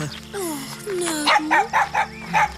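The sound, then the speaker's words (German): A very small dog yips and barks in a quick series of four or five high, sharp barks, preceded by whiny, rising whimpers, moderately loud. “Es ist nur ein sehr kleiner Hund.”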